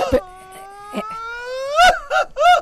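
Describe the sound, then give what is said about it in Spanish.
A single voice lets out a long, rising festive mariachi grito, holding the note for over a second before breaking into a few short, choppy whoops at the end, loud. “O que nos manden un grito de mariachi”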